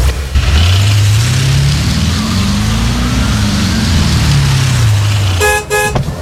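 A car engine revs loudly, its pitch climbing and then dropping back over several seconds, followed by a quick double honk of the horn at the end.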